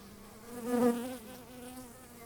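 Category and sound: insect, honeybees buzzing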